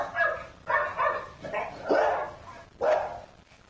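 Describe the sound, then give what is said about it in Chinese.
A dog barks in a quick series of about five sharp, mid-pitched barks, loud and uneven in rhythm, with brief pauses between them and no talking. “想象一下下面我说的这种情况，你和你的狗待在家里、街上或是什么地方，有只狗开始叫起来，你发现你的狗只是趴在那里无动于衷，紧接着附近的那只狗又叫了起来，你的狗突然跳起来跑到围栏边向外张望。”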